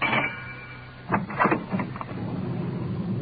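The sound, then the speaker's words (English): A car engine rumbles steadily as the car swings around to get into an alley, while a cluster of sharp clunks and rattles jolt through around the middle as the vehicle bounces over the bumpy alley surface, then the drone carries on. “Swinging around to get into the alley.”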